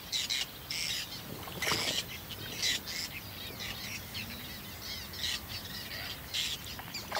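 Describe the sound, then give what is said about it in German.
Terns call repeatedly at a late-season breeding colony where tall water knotweed holds their nests: harsh, high-pitched cries in short bursts, overlapping one another over a steady hiss of background noise, with no one speaking. “Die Seeschwalben brüten hier spät.”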